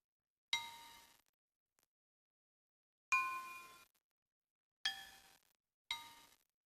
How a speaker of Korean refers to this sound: 드디어 기나긴 인고의 시간이 지나고 가마에서 나온 기역자 모양의 도자기들이 대나무 구조물에 나란히 걸립니다. 심은사는 마른 침을 삼키며 떨리는 손으로 채를 들어 첫 번째 도자기를 두드립니다.